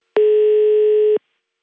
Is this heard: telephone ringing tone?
yes